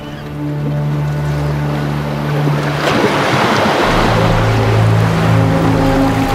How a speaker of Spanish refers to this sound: La zona de oleaje está cerca de la costa y, por tanto, de los humanos.